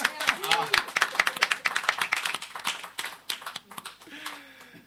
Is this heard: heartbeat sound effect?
no